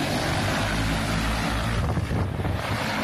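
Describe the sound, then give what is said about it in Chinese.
Several crop-spraying drones buzz steadily and loudly, flying in sync over wheat fields at the grain-filling stage in Taishan Town, Xinxiang, Henan Province, China, doing the final spraying pass. Their layered motor drone holds a constant pitch with a faint wind-like rush over it, and no voices. “在河南省新乡市嘉霍县泰山镇，多架无人机飞防作业在同步进行，小麦灌浆期最后一遍飞防作业即将完成。”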